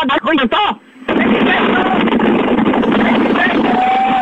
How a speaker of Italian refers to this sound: Lo senti il vento? Lo senti il vento della tangenziale? Dimmi! Dove cazzo siete? Lo senti il vento? Madonna, senti il vento della... Fammi sentire! Lo senti il vento?